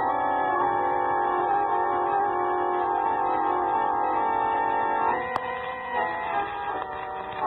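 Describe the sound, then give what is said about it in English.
A runaway train rushes along fast on the rails, estimated at about 50 miles an hour, a loud, steady droning roar with a tonal whine that holds for several seconds, then a sharp click and the sound thins and shifts. “Look at that booger roll. Well, he must be making 50 miles an hour.”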